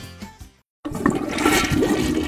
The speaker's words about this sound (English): Honey, did you flush the toilet? No. Why? If there's some strange noise in your bathroom, it might be ghost flushing!